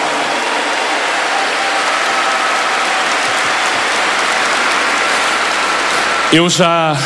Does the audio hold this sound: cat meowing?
no